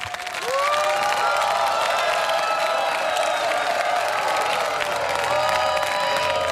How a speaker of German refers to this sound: Applaus, Applaus für Hartheim. Vielen lieben Dank und der Applaus gebührt euch.